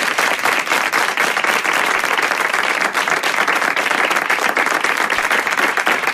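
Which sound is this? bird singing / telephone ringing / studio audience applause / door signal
studio audience applause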